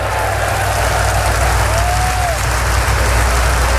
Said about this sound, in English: Now clap your hands and believe what Jesus said.